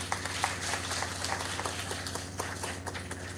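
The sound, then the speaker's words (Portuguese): A church audience applauds the people who bring wine, alcohol, cleaning supplies and food baskets to the church: a steady, dense wash of many hands clapping at once, moderately loud and unbroken for a few seconds, with a low steady hum underneath and no talking. “A nossa gratidão, uma salva de palmas a todos eles.”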